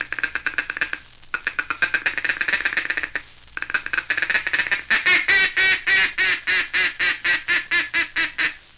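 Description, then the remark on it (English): A duck call blown by a hunter in a blind to ducks approaching the decoys: a fast, buzzy feeding chuckle of rapid clucks, broken by two short pauses, then a steady run of about ten loud, nasal quacks in an even rhythm. “That's the time to give them the confidential chatter of the feeding chuckle, cramming in an optimistic quack, quack, quack, quack, quack, quack, quack of contentment as they come nearer and nearer like this.”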